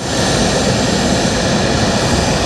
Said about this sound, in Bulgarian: С тези думи и с уверена крачка майор Тодор Тодоров се качи на най-новия ни изтребител F-16, за да излети от авиобаза граф Игнатиево за военната демонстрация в София.